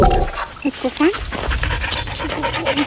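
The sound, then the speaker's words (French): A recently retired Australian hero dog pants rapidly and steadily, with a few short whiny vocal sounds mixed into the breathy rhythm, continuous for the whole short stretch. “Voilà, ce chien-là qu'on entend est un héros australien et il vient de prendre sa retraite.”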